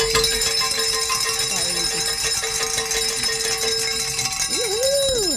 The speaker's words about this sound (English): Well, we are we ready to celebrate? We're ready to celebrate. Hey. Let's ring some bells.